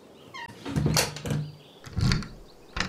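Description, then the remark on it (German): A door swings shut with a creaking scrape and a dull thud, followed a moment later by the rattling clack of a lock being turned, with no talking. “schließ die Tür ab!”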